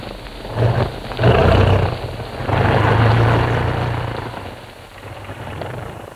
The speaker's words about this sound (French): 3 heures plus tard, piquant entre 2 versants, l'avion survole une ville, puis vire à l'intérieur d'une très large vallée et se pose. Nous sommes à Cusco.